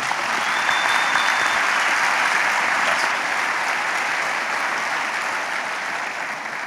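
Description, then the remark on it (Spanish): A crowd applauds steadily for Jesus, a dense, even wash of many hands clapping at constant loudness for several seconds, with no voices rising above it. “Un aplauso a Jesús.”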